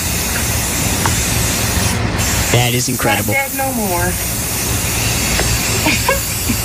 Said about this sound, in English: So we're gonna fix it today. Oh, all right. She's gonna fix it with spray paint, green spray paint.